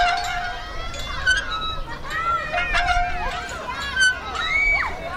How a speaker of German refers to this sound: Die Schaukel quietscht, auf der Rutsche rattert gerade jemand runter und hinten auf der Wiese wird Fußball gespielt.